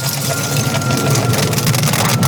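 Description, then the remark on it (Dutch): Dense, irregular crackling and fine popping from a mix of dry herbs, including thyme and rosemary, put on glowing charcoal in a barbecue, steady and fairly loud, over a low continuous rumbling hum, with no voices. “En dan hoor je het zo knetteren.”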